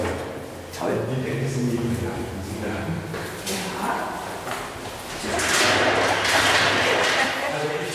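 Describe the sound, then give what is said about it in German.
A heavy archive storage room door (Magazin 2 of the Akademie der Künste archive) slides and shuts with a few solid thuds and scrapes, echoing, while people talk throughout. “Tür zu? Tür zu, ja.”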